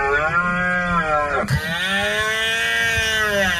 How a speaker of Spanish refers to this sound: Estos días en los montes y en las dehesas de Extremadura resuenan los ecos de la berrea.